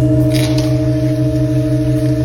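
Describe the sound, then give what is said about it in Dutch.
A few seconds of an extremely slow music piece that lasts for years: one sustained chord of steady, unchanging tones holds at even loudness, with a faint brief rustle early on and no voices. “Het is dus echt een vreselijk traag muziekstuk.”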